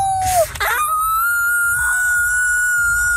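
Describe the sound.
Franco-Ontarian school pupils imitate a wolf howl for the Festival du Loup: a short falling cry, then a long, steady high-pitched howl that holds its note for a couple of seconds, loud against a faint low rumble.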